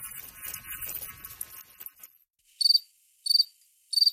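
Crickets chirp: a dense, buzzing trill fills the first couple of seconds, then after a brief pause three loud, close chirp bursts come at a steady, evenly spaced rhythm.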